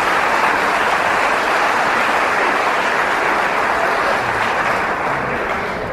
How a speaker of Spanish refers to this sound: Un aplauso para el Señor, gloria a Dios.